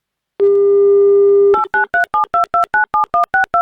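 A steady, low telephone dial tone hums for about a second, then stops and gives way to a quick, even run of about eleven short two-note keypad beeps as a radio station dials a listener in Saratov Oblast, Russia.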